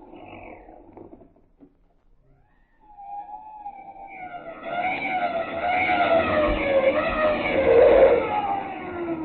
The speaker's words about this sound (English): The police didn't lose much time. The car's pulling up in front of our house.